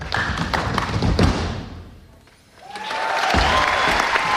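A theatre audience at the Staatsoper in Hannover applauds the show Stomp in a dense, loud wave of applause that dips briefly halfway through, then swells again with cheering mixed into the clapping.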